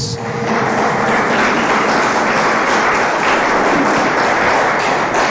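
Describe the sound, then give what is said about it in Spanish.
Loud, sustained applause from a large church crowd, given to Jesus, a dense wash of clapping that holds steady for several seconds with no speech over it. “Cuando dicen gloria a Dios, denle ese fuerte aplauso a Jesús.”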